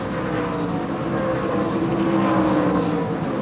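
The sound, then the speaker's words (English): A steady, loud roar of racing truck engines fills the whole stretch, a dense droning rumble with shifting pitch as the trucks speed around the oval at the Monster Mile, race leaders navigating lap traffic with 27 laps to go, with no voices. “Race leaders navigating lap traffic on the racetrack.”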